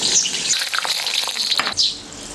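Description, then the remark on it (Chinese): Steady, dense crackling and hissing of bamboo worms, taken from inside bamboo stalks, deep-frying in hot oil in a pot, fairly loud, with a few brief surges in the sizzle and no voices. “竹子里面这个竹虫，那个竹子呢长得结结断腿了，就证明那棵竹子不健康了，就这个虫在里面，所以说我们用刀一砍开，都就长在里面，我们拿出来，拿来下一锅炸出来是很好吃。”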